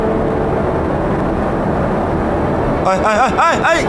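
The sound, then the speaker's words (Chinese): A constant, heavy low drone fills the space like engines heard from inside an airplane cabin as the plane nears an airdrop point, steady and loud, with a man's voice starting to speak over it near the end. “哎，亲爱的，我看你坐飞机也没什么事儿啊。”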